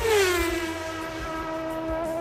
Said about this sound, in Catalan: Què és aquest efecte? És un cotxe? Un cotxe avançant, és això? Exacte.